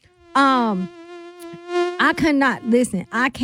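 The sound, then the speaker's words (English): A voice imitates a mosquito's whine: a loud, steady nasal buzz held for over a second, then broken into a quick run of wavering, pulsing buzzes. “the mosquitoes. Man, listen.”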